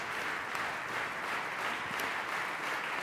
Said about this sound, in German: Und jetzt machen Sie Platz für Georges Petrou, den Dirigenten und Regisseur, der den Jubel der Menge genießen darf. Und jetzt auch seinem Orchester den verdienten Applaus zukommen lässt.